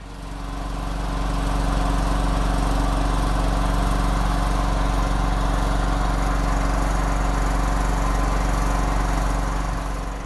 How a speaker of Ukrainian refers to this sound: А після дронів, обстрілів і вибухів ще один звук війни. Звук, який вже став буденністю у наших містах та часом єдиним способом вижити – генератори. У будинках, лікарнях, магазинах.